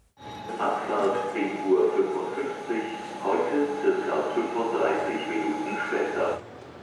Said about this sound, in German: Ein ganz normaler Tag am Hauptbahnhof Hannover.